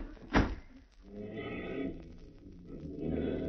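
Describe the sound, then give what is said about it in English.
A back door bangs sharply once near the start, then creaks and shuffles as it swings open and closed, with muffled rustling behind it. “All right, here's the back door.”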